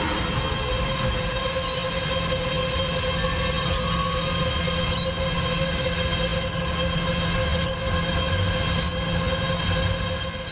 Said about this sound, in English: That's data centre noise. You could just hear the chirping of birds, but only just underneath us. That's what they sound like.